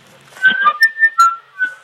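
A seagull that is still alive after being attacked cries out in distress, a string of about five shrill, piercing calls in quick succession, some rising or wavering in pitch, loud and with no one talking.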